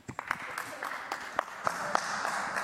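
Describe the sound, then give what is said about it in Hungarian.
A crowd applauds steadily for András Schiffer, a dense patter of many hands with a few sharper individual claps standing out, keeping an even, moderate level throughout. “Ügyes, írta tehát Schiffer András, köszönöm a figyelmet az ő nevében is, a Taps őt illeti.”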